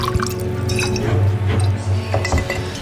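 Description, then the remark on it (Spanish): Wine is poured and sloshed into cups, with dripping splashes and small glassy clinks over a low steady hum, as two men drink; no one speaks. “Matorral y Vallanduces empezaron a beber a mi honra, que yo hasta que la vi beber no entendí que tenía tanta.”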